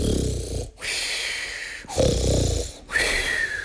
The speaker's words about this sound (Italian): Poi, con la pancia piena, si rimise a letto e si addormentò così profondamente che russava come un trombone.